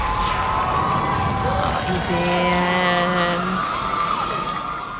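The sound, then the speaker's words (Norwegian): Vålerenga football supporters in the stands at Vålerenga stadion, during a home match against Hønefoss, roar steadily, and midway a sustained chanted note rises above the dense crowd noise for a couple of seconds before fading back into the din. “Ja, vi hører Vålerenga rop fra tribunen.”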